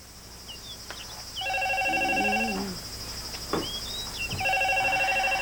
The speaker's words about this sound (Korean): 저 시외에서 온 전화 같은데. 아, 방송국 사진 받고 있는데 나중에 하라고 해라. 중요한 전화 같은데 빨리 받아보세요, 어머님.